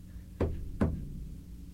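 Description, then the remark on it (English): Two dull, hollow knocks land in quick succession, less than half a second apart, repeated over and over, fairly soft against a low, steady background rumble with no voices. “Two knocks over and over.”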